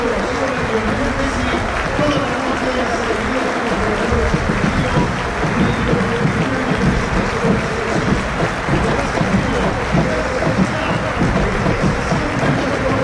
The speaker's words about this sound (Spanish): El público de San Lorenzo aquí en la platea para aplaudir en este minuto Messi. El Chelique también, los jugadores, todos, absolutamente todos, aplaudiendo.